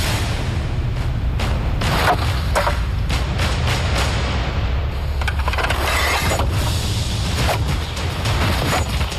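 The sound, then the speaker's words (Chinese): A knife hacks repeatedly with full force into woven rattan armor, about a dozen sharp chopping thuds in an uneven, rapid rhythm over a steady low rumble of background noise, with no talking. “我们已经用尽了全力，用刀砍向藤甲，但它似乎比我们想象的更为坚韧。”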